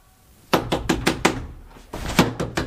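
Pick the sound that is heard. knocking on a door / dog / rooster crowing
knocking on a door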